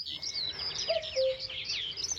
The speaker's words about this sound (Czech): Když byl hezký slunečný den, v lese byl příjemný chládek a všechno vonělo, často jsme slýchávali kukat kukačku.